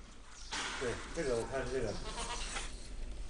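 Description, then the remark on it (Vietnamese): Dairy goats bleat in a few wavering, quavering calls, loud and overlapping for a couple of seconds against a steady background hum. “Thành công này đặc biệt ý nghĩa với tỉnh Thiểm Tây, nơi mà chiếm 40% đàn dê sữa và 80% sản lượng sữa dê của Trung Quốc.”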